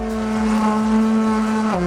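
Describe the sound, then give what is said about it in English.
A long, sustained air horn blast played on request, steady and loud for nearly two seconds, with a slight drop in pitch right at the end; no voices are heard. “But not before I've heard a couple of air horns, please.”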